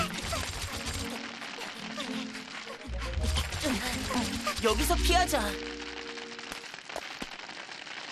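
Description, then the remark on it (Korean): Hailstones fall in a dense, steady pattering clatter that fills the whole scene, with a deep rumble underneath and a person speaking briefly over the din. “우박이야. 우박이라고? 어서 피하자.”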